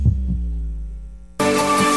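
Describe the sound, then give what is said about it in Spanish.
A deep, muffled heartbeat thump opens over a low droning throb, which holds steady until a sudden loud wash of bright, noisy sound cuts in. No one speaks. “La señal internacional que nació para escuchar los latidos.”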